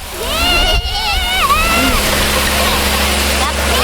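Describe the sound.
A steady, forceful rush of water spraying from a hose runs throughout, with someone talking over the continuous hiss, as the water jet is used to knock down a can.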